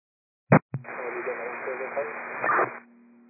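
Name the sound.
radio static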